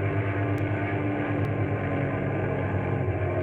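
A steady airplane engine drones loudly and continuously as the pilot brings the plane around again, a low throbbing roar with strong rumbling harmonics that holds even throughout.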